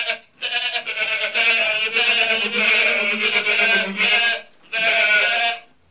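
Goats bleat loudly, several overlapping wavering cries running almost continuously, with a brief pause before a final drawn-out bleat.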